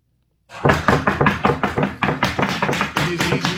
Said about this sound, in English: Body camera video shows federal agents pounding on the door at Nutrition Bar Confectioners in Cato until a company official with a key opens the door.